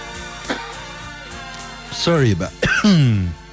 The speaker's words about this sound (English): Sorry about that. A little bit of coughing. Who needs it?